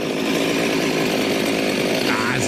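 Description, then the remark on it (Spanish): Someone imitates a chainsaw starting up with a loud, continuous buzzing rattle from the mouth, the pitch briefly rising like a rev near the end. “Cuando van a prender una motosierra, güey.”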